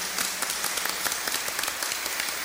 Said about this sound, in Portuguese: Bem bonito, uma salva de palmas para ela então.